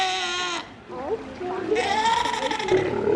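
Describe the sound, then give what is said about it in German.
Two recently born South American sea lion pups at Schönbrunn Zoo in Vienna calling with harsh, bleating, goat-like cries, several overlapping wavering calls, with a short pause in between and faint splashing water in the background. “Ziegen sind es jedenfalls keine, sondern Mähnenrobben, ja, die schreien so.”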